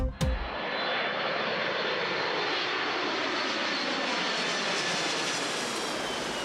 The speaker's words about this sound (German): Flug 232 aus Usbekistan über dem Taubengrund. So heißt die Straße hier.